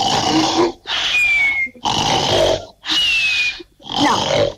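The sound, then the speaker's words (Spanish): Five loud, raspy snores follow one another in quick, steady succession, each a rough, gravelly rattle separated by short pauses, with no talking. “te vamos a tirar ronquidos y vos me decís, este es el que se parece, este es igual.”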